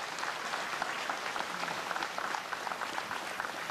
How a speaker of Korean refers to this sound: 부처님 오신 날을 맞이하여 온 세상이 모두 함께 행복하기를 기원하는 총무원장 스님의 봉축사였습니다. 원장 스님께 다시 한번 감사의 박수 올리겠습니다.